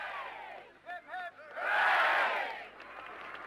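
A few sharp whoops and whistles, then a crowd breaks into a loud swell of cheering that peaks for about a second before fading back to a murmur, welcoming Olympic pentathlon gold medallist Sergeant Jim Fox home to his army town in Berkshire.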